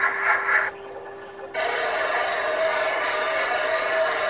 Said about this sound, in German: Das ist ein U-Boot. So klingt ein U-Boot.